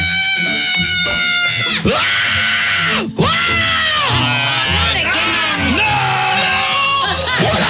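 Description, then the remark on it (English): A person screams at full volume in long strained bursts that rise and fall in pitch with only brief gaps for breath, letting out pain. “That's why I'm screaming, screaming.”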